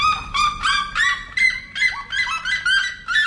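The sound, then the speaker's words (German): A red-legged seriema in the Brazilian savanna calls loudly to its partner: a rapid series of harsh, yelping notes repeated about three times per second, strong, with no speech. “Genauso wie es vielleicht auch den Rotfußsiremas aus irgendeinem Grund einfach gefällt, ihren Partner über kurze Distanzen in der brasilianischen Savanne anzubrüllen.”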